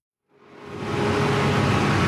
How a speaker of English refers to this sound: It's noon on a Tuesday in my neighborhood in Bogota. Garbage bags line the streets, and you can hear the garbage truck coming down the hill.